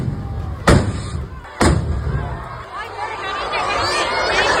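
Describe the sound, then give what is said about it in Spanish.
Two sharp, loud bangs about a second apart burst over a noisy crowd in the town square as festival rockets explode at the chupinazo of the Noáin fiesta in Navarra, Spain, their fuses lit by sparks from the first two rockets. A steady wash of chatter and hiss follows as the blasts fade. “Pues era el momento en que las mechas de varios cohetes que se iban a lanzar se han prendido con las chispas de los 2 primeros y han estallado en el balcón del ayuntamiento y sobre la multitud que se congregaba en la plaza.”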